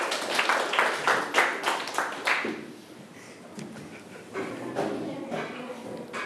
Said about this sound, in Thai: เก่งมากเลยครับปรบมือตัวเองได้เลยนั่งลงได้ครับ